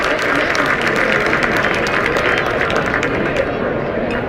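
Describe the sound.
A lively night crowd at an Ohio State Buckeyes versus Michigan State Spartans baseball game cheers and applauds in a steady, loud roar, with scattered claps and a blur of voices running unbroken for the full few seconds.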